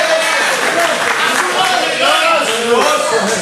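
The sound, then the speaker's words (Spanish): An audience applauds loudly and steadily for a few seconds during an evening sermon, a dense wash of clapping mixed with raised voices calling out over it. “Está bueno ese aplauso para esconderse detrás de él en esta noche, hermano.”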